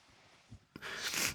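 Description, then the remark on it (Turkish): After a brief quiet moment, a burst of scratchy fabric rustling rises, a jacket brushing through bushes with dry, crackling friction that swells and lingers. “Bu ceket çalılıklarda çok ses çıkartıyor.”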